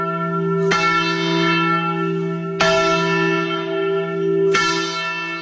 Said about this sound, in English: According to the Encyclopedia Britannica, the very first celebration took place July 8th, 1776, just 4 days after the signing, when the Declaration was read publicly for the first time in Philadelphia. And yes, they did ring the Liberty Bell.